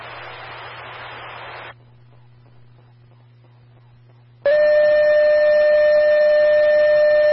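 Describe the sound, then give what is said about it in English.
East Newark Fire Department dispatch cancellation tones for a call at 301 Pasadena: a burst of radio static, a short quiet pause, then a loud, steady, piercing electronic tone that holds unbroken over a crackly radio channel until the end. “Receive, I'm going to drop tones now.”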